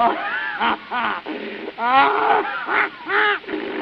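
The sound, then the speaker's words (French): A camel grunts and groans in a run of about six throaty, bubbling bursts, each swooping up and down in pitch, loud and irregular with short gaps between them. “Ah, le chameau va.”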